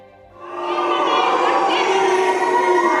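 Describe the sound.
A large crowd at the congress of the German Trade Union Confederation (DGB) boos Chancellor Merz loudly and continuously, a sustained wall of jeering voices that swells up within half a second and holds steady throughout.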